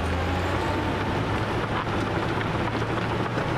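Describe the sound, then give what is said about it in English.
Excavators and trucks working in a gravel pit in the Alpine foothills make a steady, loud mechanical drone, a deep engine hum under a broad wash of grinding noise, continuous throughout with no voices. “The region is home to a number of quarries and gravel pits, where excavators and trucks generate no end of noise and dust.”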